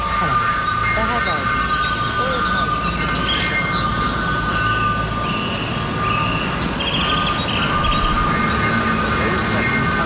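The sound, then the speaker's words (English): A four-coach passenger train, a service calling only at Bristol Temple Meads, idles at a railway station with a steady, loud mechanical rumble and a sustained hum, while birds chirp brightly overhead and faint voices murmur in the background. “This train is formed of four coaches.”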